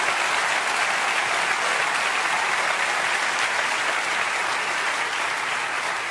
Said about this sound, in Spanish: Dele un aplauso al Señor, por favor.